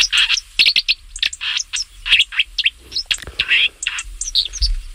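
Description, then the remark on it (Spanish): A white-throated dipper sings a rapid, buzzy string of high chirps and trills, fairly loud, over the soft steady rush of a stream, heard during a walk along a trail. “Estamos paseando con Pepe Palacio mientras un mirlo acuático nos salta al paso”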